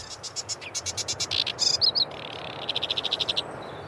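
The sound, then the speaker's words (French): A migratory reed-dwelling songbird, just returned from Africa in early spring, sings loudly in the afternoon, a harsh chattering run of rapid repeated notes broken by a few sharp whistled phrases, then another fast buzzy trill, over a faint background hum. “Ça, c'est une espèce migratrice qui est revenue d'Afrique ces derniers jours, vraiment, vu qu'on est en début de printemps.”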